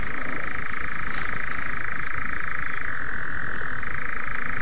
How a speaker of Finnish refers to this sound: Kello on kuitenkin 2:34 ja en ole näin kumäätä viitasammakon kurnutusta kuullutkaan hetken.